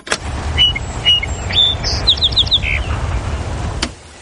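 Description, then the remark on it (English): A songbird sings a short phrase of clear whistled notes followed by a quick run of rapid chirps, heard over a steady low rumble like passing traffic. “That day, Arthur and his team recorded a song sparrow, house wren, and rose-breasted grosbeak.”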